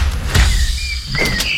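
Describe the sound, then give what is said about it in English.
A refrigerator door opening: a soft clunk, then thin, high squeaking tones, and a second clunk with a brighter squeal near the end. No one speaks. “Tom, what are you doing in the fridge?”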